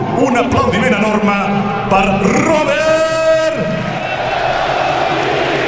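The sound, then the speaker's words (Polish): A large stadium crowd at Camp Nou chants the name Lewandowski in unison, voices rising and falling over a steady roar, with standing applause and cheering for Barcelona's departing captain filling the space throughout. “Skandowane nazwisko Lewandowski na Camp Nou i brawa dla kapitana.”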